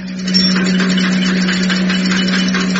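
A vehicle pulling up on the left, its engine running with a steady, loud low hum and a rough, rattling mechanical texture, holding an even level throughout with no voices.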